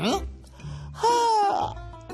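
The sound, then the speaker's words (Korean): A single drawn-out yawn with the mouth opened wide: a voiced, moaning tone that rises slightly and then falls away, preceded by a short breathy intake. “이렇게 입을 크게 벌리고 하품을 하면 얼굴 근육이 움직이면서 여기 눈물샘을 자극하고 눈물을 퍼올려서 눈에서 눈물이 나게 되는 거야.”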